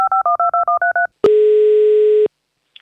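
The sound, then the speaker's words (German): A rapid run of eight touch-tone beeps as the host of the Minidisco show on Radino children's radio dials the next child caller, followed by a loud, steady one-second phone tone, then silence with a faint blip at the end. “So, und ich rufe schon das nächste Kind an.”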